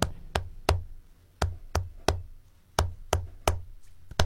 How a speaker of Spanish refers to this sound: Sí conozco un tema de flamenco. Y no sé si cantamos un chiquitín del tema de flamenco. ¿Te Claro que sí, animás? a pedido de la gente. Necesito que me hagas palmas. Así.